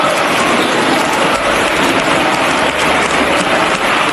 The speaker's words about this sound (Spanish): Así que imposible no acordarse hoy de otras ovaciones cerradas, como esta que le brindaron a Ábalos en su día después del Dieselgate.